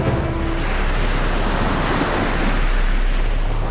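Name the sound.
rainfall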